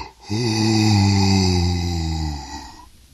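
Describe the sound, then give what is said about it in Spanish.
A person imitates animals yawning as they wake in their nest at the light of a new day. It is a long, drawn-out yawn, a low groaning tone that swells, holds for about two seconds, then slowly trails off. “Y luego de dormir en tan delicioso lugar, se despiertan con la luz del nuevo día, con las canciones de sus vecinos, los pájaros, y bostezan así.”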